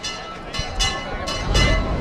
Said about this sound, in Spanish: Ahí lo que suena es el campanil de la Casa Hermandad de Huelva, que una y otra vez está haciendo tañer sus campanas.